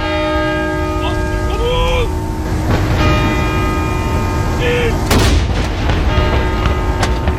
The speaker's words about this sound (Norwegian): Klokken 12 ble det avfyrt sørgesalutter ved Forsvarets 9 salutstasjoner rundt om I landet for å hedre avdøde Kong Harald.